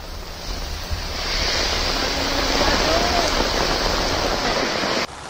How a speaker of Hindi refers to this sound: रिमझिम बारिश हो रही है तो कहीं तेज बौछारें।